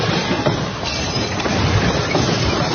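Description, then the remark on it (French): A ceiling collapsing at the airport in Caracas during a strong double earthquake, filmed by a lawmaker: a loud, steady, low rumbling roar with rattling clatter runs throughout, with a few slightly sharper knocks inside it but no single standout crash, and no voices. “Sur place, à Caracas, des scènes de chaos partout, comme à l'aéroport, ce député a filmé le plafond qui s'écroule dans un fracas.”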